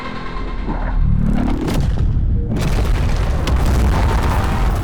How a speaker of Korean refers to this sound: 핵폭발이 일어나 도시 전체가 초토화되며 버섯 모양 화염이 솟구친다.